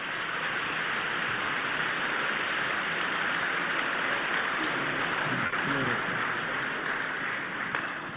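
An audience applauds in a dense, steady roar of clapping that holds at an even level for the whole stretch, with individual claps blurred into a continuous wash.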